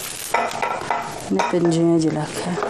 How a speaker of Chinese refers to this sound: 柴火灶上温水慢煮，把切好的猪瘦肉下锅。